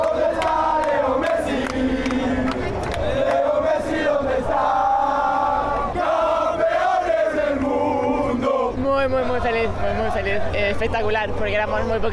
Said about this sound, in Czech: zpívali jsme mistři světa a sarkasticky u toho taky pohybovali po Argentinsku těmi pažemi